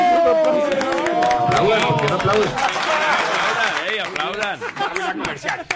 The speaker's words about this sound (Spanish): Por favor, un aplauso.